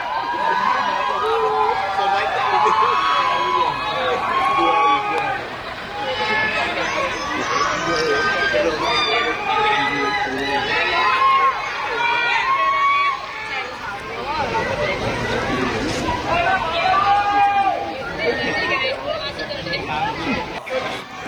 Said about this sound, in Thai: แต่แน่นอนระหว่างนั้นหลังจากนั้นเสียงระงมเซ็งแซ่ทีเดียวจับใจความลำบากแล้วแต่คนจะจับใจความบางคนจับใจความว่าไม่ไหวแล้วแต่คำข้างหน้าไม่รู้คืออะไรทนไม่ไหวแล้วหรือรวยไม่ไหวแล้วหรือมีเสียงตะโกนเรียกหานายกก็มีเสียงด่าก็คงมี